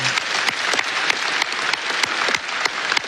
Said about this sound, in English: Congratulations to all of our honorees, and thank you for your contributions. Let's give them one last round of applause.